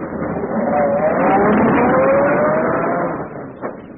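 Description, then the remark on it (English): A luxurious chauffeur-driven limousine's engine rumbles loudly and revs up as the vehicle pulls away, its whine climbing in pitch for a few seconds before easing off slightly at the end. “My car's waiting.”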